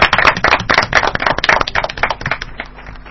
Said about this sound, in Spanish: Un aplauso, che, para usted.